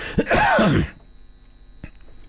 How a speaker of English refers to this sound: Oh, excuse me, this cough just will not go away.